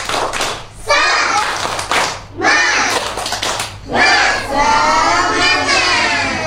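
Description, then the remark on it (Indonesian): A group of children claps a rhythmic 'tepuk semangat' spirit cheer in several loud bursts, their voices chanting and shouting along, with the shouting strongest in the final stretch. “Kita tepuk semangat dulu teman-teman.”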